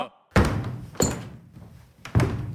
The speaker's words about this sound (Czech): V tu chvíli se ozvaly rány, jako by někdo bušil dřevěnou palicí do podlahy. A na palubě se objevil kapitán Achab.